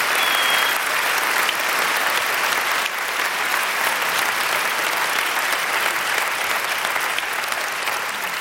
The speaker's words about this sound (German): Bitte noch mal einen großen Applaus für unser wunderbares Orchester, das Saarländische Staatsorchester unter Wolfgang Emanuel Schmidt.